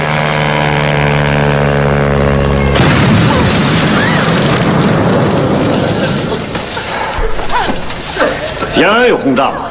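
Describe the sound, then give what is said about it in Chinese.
A droning aircraft engine hums steadily, then a sudden loud blast from an air raid bombing erupts into sustained roaring rumble and debris noise, with shouting voices breaking through toward the end. “听说有轰炸”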